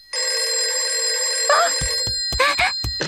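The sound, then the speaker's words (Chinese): A telephone rings loudly and steadily for about two seconds, a bright electronic tone, then gives way to a few short sharp clattering sounds; the call turns out to be a gym advertisement. “这个灰太狼不是说了下去就给我打电话吗？”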